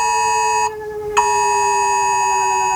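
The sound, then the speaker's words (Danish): A loud, steady electronic warning tone from Denmark's yearly warning system test, sounding from rooftop sirens and mobile phones on the first Wednesday in May, with a buzzy, harmonic-rich pitch that holds for nearly three seconds, briefly thinning out partway through before resuming unchanged. No one speaks. “Og ringer i de her minutter fra sirener på hustage og fra millioner af telefoner, som de fleste af os har lige ved hånden, der lyder det sådan her.”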